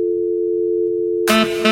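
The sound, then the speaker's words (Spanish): A steady, loud telephone dial tone hums alone for over a second after a caller hangs up on a phone-in line, then gives way abruptly to a burst of harsh line static with two brief pulsing beeps. “Oye, colgaron.”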